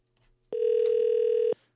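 A single steady, mid-pitched electronic telephone tone from a phone call being placed sounds for about one second at an even loudness, then cuts off, with near silence around it and no voices.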